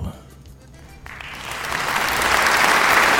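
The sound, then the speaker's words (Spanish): A crowd applause sound effect, played from the effects controls, swells up after a quiet start, building from scattered clapping into a dense, sustained ovation that grows louder through the end. “Gracias, gracias compañero por la ovación.”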